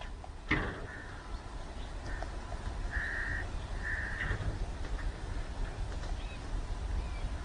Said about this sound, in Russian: у нас, по-моему, есть говорящий ворон, да? У нас есть там какой-то Карлуша, или я не помню, как его зовут.